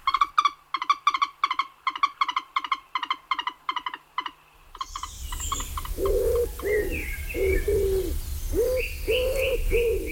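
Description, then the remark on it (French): A common wood pigeon coos in a steady series of soft, muffled hoots, with other birds chirping in an outdoor background, following a rapid, rhythmic croaking call in the first half. “Tiens, voilà, l'oiseau qui se porte peut-être le mieux aujourd'hui en France, c'est le pigeon ramier, la palombe, si on veut, que certains chassent au passage.”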